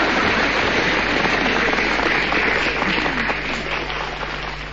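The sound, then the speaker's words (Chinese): Sustained audience applause, a dense steady wash of many hands clapping at once, loud throughout and tapering slightly toward the end, with no voices over it. “俗话说子鼠丑牛，丑牛这是给谁鼓掌啊？”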